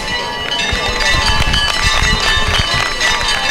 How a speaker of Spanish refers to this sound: Mirad, vamos a escuchar los aplausos de la gente.